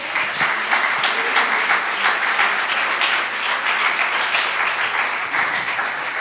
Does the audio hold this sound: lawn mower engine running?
no